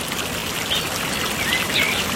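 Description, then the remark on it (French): A small stream burbles steadily, a broad watery hiss, while a few birds sing thin, high chirps and short whistles over it, fairly faint. “Elle reste sur son banc, au pied de l'olivier, et puis elle écoute les oiseaux chanter. Elle aime beaucoup, beaucoup les oiseaux. Elle écoute la petite rivière qui coule.”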